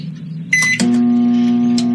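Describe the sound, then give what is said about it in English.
A short electronic keypad beep and a click, then a microwave oven heating a hot dog in a bowl starts up with a steady, loud, low hum that drones on. No one speaks. “Then you stick it in a microwave.”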